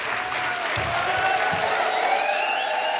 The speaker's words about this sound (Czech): Díky. Potlesk pro Jirku Krhota, Štěpána Kozuba.